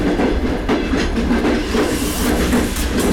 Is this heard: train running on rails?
yes